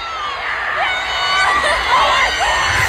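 A man screams excitedly in celebration over a loud, dense crowd cheering and shouting, the noisy roar staying steady for about three seconds. He is reacting to Harry Kane's winning goal for England against Congo, watching the football match with fans at Wembley Stadium in London.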